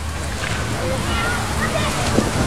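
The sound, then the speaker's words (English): Water in Idaho sloshes and splashes steadily for a few seconds, a dense, continuous churning wash with no pauses. “These are the sounds of Idaho's waters.”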